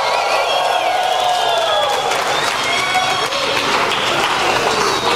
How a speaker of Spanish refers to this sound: Es más, atrévete a ponerte de pie y a darle un grito de victoria al Señor.